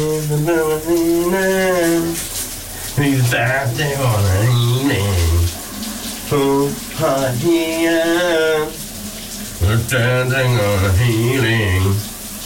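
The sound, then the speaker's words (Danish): A man sings a wavering melody loudly while showering, in phrases with short breaks, over the steady hiss of a running shower that continues throughout, for a morning shower-singing feature on VLR radio. “når han synger i badet i dagens brusebad sit, så kan dagen altså ikke starte meget bedre.”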